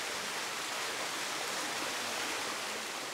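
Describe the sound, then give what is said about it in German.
Steady, full rushing of water pouring into a pool that must fill at least knee-deep, a broad hissing roar that holds constant without pauses. No voices, just the continuous flow. “Knietief muss es hier mindestens volllaufen, bevor die Poolsaison eröffnet werden kann.”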